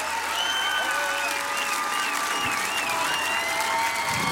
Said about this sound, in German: Großen Applaus für …